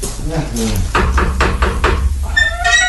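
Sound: knocking on a door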